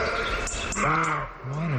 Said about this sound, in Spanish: Las hoces del Duratón. Ahí de noche, pues en el Riaza, que se acerca de noche, un corzo está ladrando y ladra dentro de una enorme caja de resonancia. Vimos al corzo tres veces. Aquí, cuando viene rebotado a la pared y cuando vuelve a rebotar.